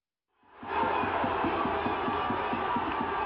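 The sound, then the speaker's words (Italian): South Korean football fans celebrate in the streets of Seoul under giant screens after their national team's 2-1 comeback World Cup win over the Czech Republic, a dense crowd roaring and cheering loudly and steadily, with a rhythmic pounding beat, like drums or clapping, repeating about four times a second underneath. “La gioia incontenibile dei tifosi sudcoreani per la vittoria in rimonta della loro nazionale nella prima partita del girone di questo mondiale ieri sera 2-1 contro la Repubblica Ceca, esplosa per le strade di Seul sotto i maxi schermi allestiti nella”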